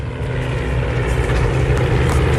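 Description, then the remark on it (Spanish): A Spanish Civil War-era propeller airplane engine drones steadily and loudly with a deep, rumbling throb, sustained throughout without any voices, during a battle reenactment at Villanueva del Pardillo, Spain. “Escuchen el motor.”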